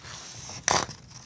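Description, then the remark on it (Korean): A single crisp burst of paper rustling, a brief crinkling swish standing out against a quiet hum, with no one speaking; papers holding listeners' stories are being handled. “종이 소리 정겨우신가요?”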